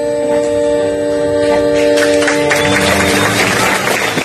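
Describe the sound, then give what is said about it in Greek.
A sustained chord from a live band rings out while crowd applause swells in behind it, growing into dense, steady clapping from a large audience at a concert event in Thebes, Greece, over the last couple of seconds. “Χειροκρότημα του κόσμου από την εκδήλωση που έγινε στην Θήβα”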